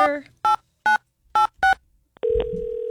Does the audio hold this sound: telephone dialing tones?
yes